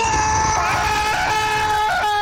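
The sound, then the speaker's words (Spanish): A person voices a loud, sustained scream that wavers slightly in pitch for about two seconds, filling the whole moment, imitating the scream of a man with a cold stepping into an ice-cold shower at 5 in the morning. “Panita dice que a las 5 de la mañana, el panita que está enfermo, resfriado, ingresa a la ducha y en la tranquilidad de la madrugada, los vecinos de ese individuo van a escuchar un grito así como”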